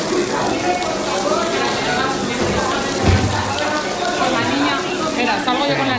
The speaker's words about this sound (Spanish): Nada que ver, como decíamos, con el tormentón del martes que provocó varias incidencias en distintos puntos de la capital y cortes en las líneas 4, 5 y 7 de metro.